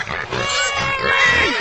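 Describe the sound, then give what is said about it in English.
Loud pig grunts and oinks pile up in a continuous, rough chorus as the pigs are called for feeding, with squealing harmonics rising over the low snorts for the whole short stretch. “Pig! Oh. Pig! Oh my god.”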